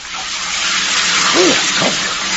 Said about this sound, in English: Anyway, now I can stand up and finish off with a nice shower.